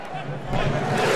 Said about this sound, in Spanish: Ese es el aplauso que hacen al unísono y así se unen miles en las tribunas. Y esto es en pro de Marruecos. Uno más. Y vendrá otro más. ¿A lo Islandia? Es el saludo vikingo, exactamente.